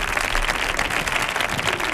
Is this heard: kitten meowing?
no